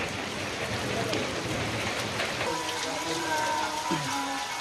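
Steady rainy-season rain patters on hard surfaces in a dense, continuous wash, with faint tonal music from a mobile phone drifting in over the downpour during the second half.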